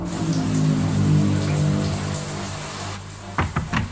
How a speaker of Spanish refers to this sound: ¿Papá está en la ducha? Eso creo.